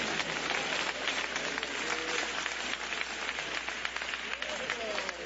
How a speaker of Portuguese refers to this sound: Os presentes, dê uma salva de palmas para Jesus. Glorifica Ele.